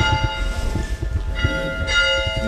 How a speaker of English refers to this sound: The township also maintains a historic one-room schoolhouse next to the cemetery, which served students of all ages for about 60 years, beginning in the late 1880s. We park outside and head in. He rings the school bell.